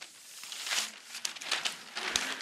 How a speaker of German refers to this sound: Dazu holt Barbara Messer eine meterlange Papierrolle auf die Bühne.